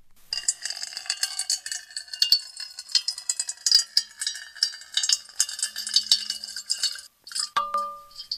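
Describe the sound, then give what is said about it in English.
Water pours steadily into a metal bowl, a bright splashing trickle with ringing metallic clinks and a brief resonant tone near the end as the stream stops. “And now a little ASMR, water being poured into a metal bowl.”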